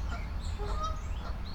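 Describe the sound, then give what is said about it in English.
A goose guarding its nest at a pond honks a few times, its calls fairly faint over a steady low rumble of wind or background noise. “All right, that goose doesn't like me standing in here in the blind. He's making noise out there, or she.”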